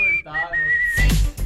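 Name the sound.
person whistling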